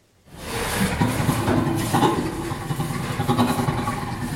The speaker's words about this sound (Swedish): Ja, så här låter en av 140 ljudfiler som forskare har analyserat. Det rör sig alltså om inspelningar med skratt från 4 orangutanger, 2 gorillor, 3 bonobo-apor, 4 schimpanser och så 4 människor mellan 6 månader och 7 år gamla.